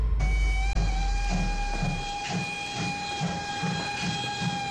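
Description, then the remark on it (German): A steam locomotive chugs along with a steady, rhythmic chuffing beat while its high whistle blows in a long, sustained tone over the top. No one speaks. “Mit einer Dampflokomotive. Alle an Bord!”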